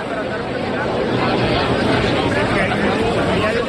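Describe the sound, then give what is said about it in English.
A steady, dense wash of crowd noise from people milling around outside the Azteca Stadium in Mexico City before an opening ceremony: many overlapping voices murmuring and chattering at once, with no single speaker standing out, holding a constant loud level throughout. “Instead, you're hearing the sound of people milling around.”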